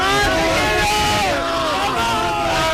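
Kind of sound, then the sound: crowd, crowd shouting and celebrating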